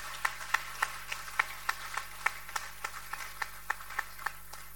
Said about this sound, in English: Oh, let us give it up to them. The more we clap, the more they get a confidence to stand up.